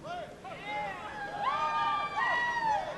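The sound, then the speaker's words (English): A crowd of fans cheers and whoops at a preliminary race of the 1994 Landry's Powerboat Blowout in Galveston, Texas, many overlapping voices rising and falling in pitch in a steady, loud roar that swells over three seconds. “And as you can hear, the fans love it.”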